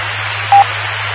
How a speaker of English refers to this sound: No, it just, radio just gets angry at me. I think there's a timer on it that that lets me know if I've been talking too long.